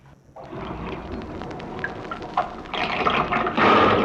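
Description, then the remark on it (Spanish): Water pours steadily into a bottle being filled to take along on the road, a gurgling splash that grows fuller and louder toward the end, with no voices over it. “Llevemos la botella llena de agua para el camino, gañó, tío. Si eso estoy haciendo”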